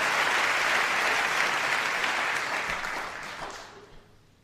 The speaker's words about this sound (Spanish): Sí, sí, por favor, aplaudan a todos los poetas. Hay que aplaudirlos ahora.